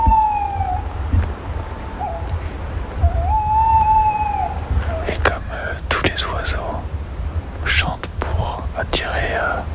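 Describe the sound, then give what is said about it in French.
A tawny owl singing undisturbed, heard from a few metres from its tree, gives two long, steady, mid-pitched hoots with a slight waver, followed by a scatter of sharper rising and falling calls over a low background rumble. “Elle va continuer à chanter tranquillement. Alors, on se met pas au pied de l'arbre.”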